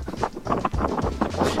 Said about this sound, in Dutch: Ik hoor wind. Je staat buiten, denk ik. Ja, ik ga weer even naar binnen, want anders ben je niet te verstaan.